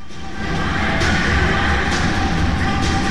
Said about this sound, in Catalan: però ens apropem un momentet al que dèiem, que ja la gent que ha seguit els play-offs des de l'inici o les fases d'ascens el coneix, però us presentem al ventilador industrial. Hola, ventilador.